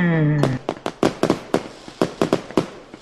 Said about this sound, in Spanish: ¿No ves que estamos tronando unos cohetes, güey?